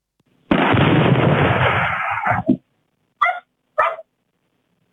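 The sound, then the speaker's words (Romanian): A loud explosion as an object strikes the ground, leaving a large crater, recorded by a village surveillance camera at 17:12, erupts into a dense, rumbling roar lasting about two seconds, then fades; a dog barks three times in the quiet that follows. “La impactul cu solul s-a produs o explozie și s-a format un crater de dimensiuni considerabile.”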